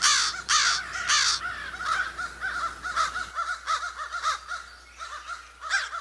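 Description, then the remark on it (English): Several crows caw back and forth in a lively exchange, harsh repeated calls overlapping, with a faint low hum underneath in the first half. “you can tell they're calling back and forth to one another”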